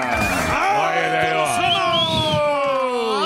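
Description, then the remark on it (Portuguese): An audience cheers and applauds for humorist Ítalo Senna, with many overlapping high-pitched whoops and screams rising and falling together over a steady wash of noise that could be clapping, holding for a few seconds. “Muitos aplausos para Ítalo Senna.”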